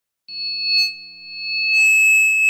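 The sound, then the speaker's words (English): A steady, piercing high-pitched ringing tone, like tinnitus, sounds alone without a break. Partway through, an even higher tone joins in and the ringing grows slightly louder. “Did you know that ringing in the ears or tinnitus is a symptom of hearing loss?”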